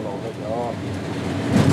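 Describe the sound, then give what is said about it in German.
A locomotive runs over a rubber mat lying on the tracks shortly before Drentwede: a steady, broad engine rumble with brief whining tones early on, swelling into a rough, scraping clatter toward the end. “Gummimatte. Das Drüberfahren klingt schlimmer, als es ist.”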